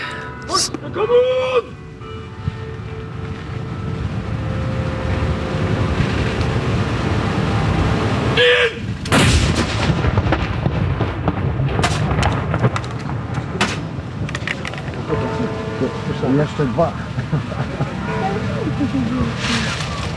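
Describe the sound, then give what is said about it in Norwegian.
A ceremonial cannon at Akershus Fortress fires a single loud, booming mourning salute shot midway through, one of a series fired 30 seconds apart, its blast rumbling out over steady outdoor background noise while voices of a gathered crowd carry in the surroundings. “De står i stram givakt her på Akershus festning for å avfyre disse sørgesaluttene.”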